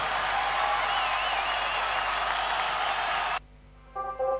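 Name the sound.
audience applauding loudly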